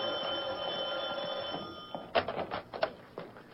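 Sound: telephone ringing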